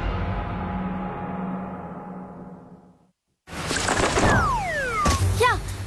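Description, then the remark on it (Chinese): A light-vented bulbul (Chinese bulbul) thumps against window glass with a dull knock, followed by a few short chirping calls over a noisy background, after a brief musical tone fades into silence. “撞玻璃上了， 这是白头杯，也叫白头翁，不仅唱歌好听，还是吃农林害虫的好手呢。”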